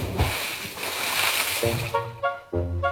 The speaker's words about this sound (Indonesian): Ih, enaknya mandi di pantai. Ah, lompat dulu.